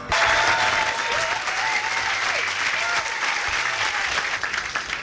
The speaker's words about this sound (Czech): Já vám děkuji za váš potlesk.